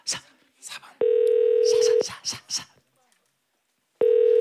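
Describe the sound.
A telephone ringback tone from a call to a listener who signed up sounds in steady one-second bursts, with a pause between them, while a person talks briefly over the gap; the call goes unanswered.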